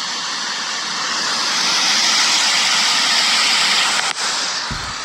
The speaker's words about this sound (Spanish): Eso que se escucha ahí es el desborde del río.